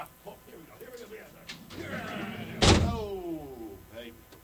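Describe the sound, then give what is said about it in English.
A heavy door slams shut once with a loud, booming impact that rings briefly. Muffled voices can be heard before and after it. “Did you see the big ass door over there?”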